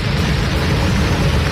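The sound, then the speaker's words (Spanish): A torrential downpour, accompanied by hail, roars steadily, a dense wash of pounding rain with heavy low rumble, unbroken and loud for the whole moment with no voices. “El móvil no se aprecia, pero una manta de agua.”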